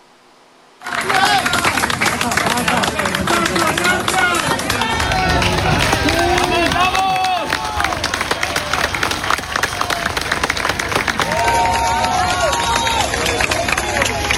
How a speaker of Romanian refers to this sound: Fiecare om scos în viață dintre ruine este întâmpinat cu ropote de aplauze și urale.